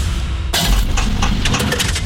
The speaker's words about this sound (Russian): Слышали? Так прощается двигатель. Коррозия, перегрев и привет, капиталка.